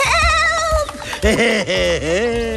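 Several young goats bleat and scream loudly, their shrill, wavering cries overlapping in quick succession for a few seconds without pause.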